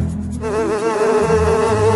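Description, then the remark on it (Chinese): A dense swarm of bees buzzes continuously and loudly beside a beehive, the layered wingbeats wavering slightly in pitch, with no voices present. “蜜蜂们好像受到那个黑影指挥一样，让出了一个缺口，让达海走出来”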